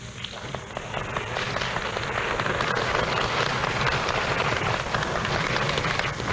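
A crowd applauds steadily, a dense wash of many hands clapping that swells in the first second and holds at a full, even level throughout, with no voices over it; an ovation from listeners and those present for a tango singer's appearance on a radio broadcast in Manizales.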